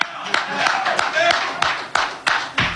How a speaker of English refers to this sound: The last person I'm going to talk about is Jose Alvarado. We clap for Jose. I know a lot of you guys can't because you're in the media and you got to be neutral, but I'm going to clap for Jose.